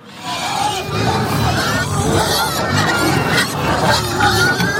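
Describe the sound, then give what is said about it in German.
A loud, dense din of 35 pigs squealing and grunting at once while waiting for feed, a continuous chaotic chorus of high shrieks over low snorts, unbroken throughout. “Ein saumässiger Lärm. Im wahrsten Sinn, weil es so tönt, wenn 35 Schweine darauf warten, dass es Futter gibt.”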